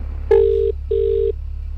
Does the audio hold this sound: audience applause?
no